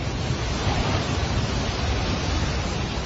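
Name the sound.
rushing floodwater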